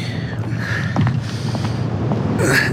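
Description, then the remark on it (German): A suitcase is dragged with creaking scrapes across the floor of a steamship cabin and set against the cabin door with a muffled bump, over a steady low rumble of the ship's engine. “So, vielleicht stellen wir noch Ihren Koffer vor die Tür.”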